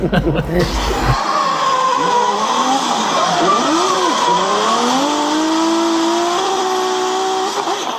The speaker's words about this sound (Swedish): Drifting, en växande motorsport som går ut på att sladda med bilar på en bana.